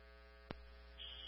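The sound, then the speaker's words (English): A fire alarm buzzer at 100 Sandwich, set off by a toaster oven with no smoke or fire, drones on steadily and faintly without shutting off. A brief click comes partway through and a higher tone joins near the end. “We'll need FIU to reset the alarm, though. It's not shutting off.”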